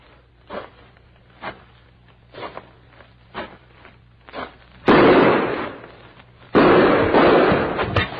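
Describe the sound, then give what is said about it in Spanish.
Gunshots ring out at close range, fired at a man's head: five sharp, evenly spaced cracks, then two much louder blasts, each followed by a lingering, rumbling roar. No voices. “como sabía que traigo el chaleco de mallas, pues me tiró apuntándome la cabeza”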